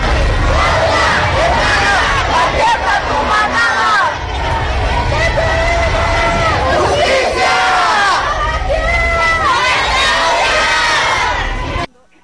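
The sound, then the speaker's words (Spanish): A large crowd of students at a march in Cuernavaca shouts demands together, calling for justice over a femicide. Many voices overlap in loud, rhythmic chanting with rising and falling cries, sustained for about twelve seconds before cutting off abruptly. “Si me lo permites, vamos a escuchar parte de los reclamos que hacían en esta marcha hace unos instantes.”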